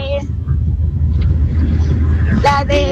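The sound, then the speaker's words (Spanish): A steady, loud low-pitched engine rumble fills the inside of a moving car carrying several family members throughout, with brief voices speaking over it near the end. “Hoy venimos aquí todos en el carro.”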